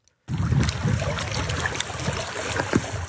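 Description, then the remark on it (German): Water sloshes and laps steadily around gravestones at the wall of a former cemetery at the Lipno reservoir in Dolní Vltavice, southern Czech Republic, a continuous watery wash with small splashes and gurgles, no voices. “Wasser umspült Grabsteine am Lipno-Stausee im Süden Tschechiens.”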